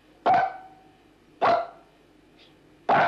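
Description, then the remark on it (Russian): A trained dog named Pashtet barks three times to count the dogs, each bark loud and separate, spaced about a second apart with quiet pauses in between and no talking. “Посчитай, сколько у нас собачек. Две собаки? А себя-то забыл?”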